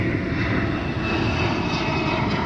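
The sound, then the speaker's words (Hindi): The engine of a Chinese J-20 fifth-generation stealth fighter jet roars steadily and loudly throughout, a dense continuous rumble with a hissing high end and no pauses or voices. “J-20 चीन का पांचवी पीढ़ी का स्टेल्थ फाइटर जेट है जिसे रडार पर पकड़ना बेहद मुश्किल माना जाता है।”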